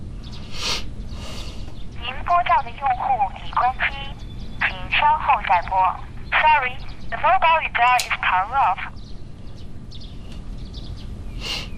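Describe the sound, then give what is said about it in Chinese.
A phone call being placed to a mobile phone: a string of short electronic warbling tone bursts comes in quick clusters, fairly loud, over faint background hiss, then stops; the phone being called is switched off. “一会我打电话试一试，有什么消息跟你说，好吧？”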